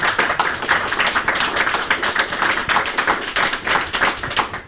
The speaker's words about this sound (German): Und vielleicht gibt es einen kleinen Applaus von unserem Publikum auch.